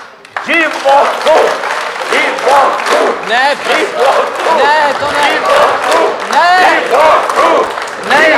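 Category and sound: crowd, audience clapping and cheering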